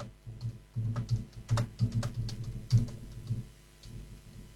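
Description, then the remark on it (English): Rapid, irregular tapping as someone types out a text message, the small clicks coming in quick bursts over a steady low hum, with no talking. “Let me just text this.”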